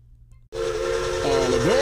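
After a brief low rumble, a loud steam train whistle bursts in with a hissing roar, holding a steady shrill chord that bends upward near the end.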